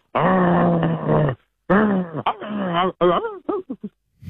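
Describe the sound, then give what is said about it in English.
A person does an animal impression of a dog, starting with a long steady growl and then breaking into shorter rising and falling growly yelps. The final bursts come quick and choppy before stopping. “It's obviously a dog. Well, yeah, it is. Correct.”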